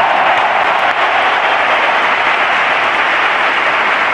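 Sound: stadium crowd ovation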